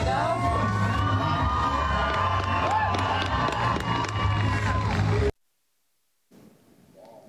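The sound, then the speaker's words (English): A large rodeo crowd at the Heritage Days bull riding event in Maxwell, central Nebraska, hosted by Maxwell Fire and Rescue, cheers and shouts loudly for about five seconds as a firefighter in full fire gear gets on a bull, a dense roar of voices and whoops that cuts off abruptly, then a brief faint murmur. “taken to the back of a bull in full fire gear, trying to get the crowd into it before they fired open the chute.”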